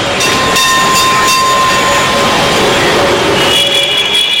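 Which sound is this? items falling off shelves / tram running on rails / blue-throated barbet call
tram running on rails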